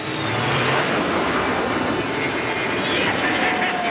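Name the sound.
jet aircraft taking off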